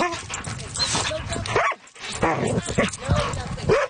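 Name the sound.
dog barking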